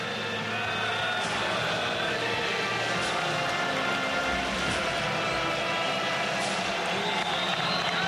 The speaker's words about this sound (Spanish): El aplauso de los jordanos, entonces, de los valientes, de los caballeros.